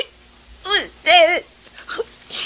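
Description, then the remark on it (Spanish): A child sobs, two drawn-out, wavering wails in quick succession, followed by a few softer, broken whimpers and shaky breaths. “¿Por qué estás llorando?”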